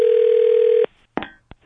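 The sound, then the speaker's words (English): A steady, loud telephone dial tone at the start of a prank phone call hums for just under a second, then cuts off abruptly, followed by a few sharp line clicks and brief crackles. No one speaks. “It's our phone prank.”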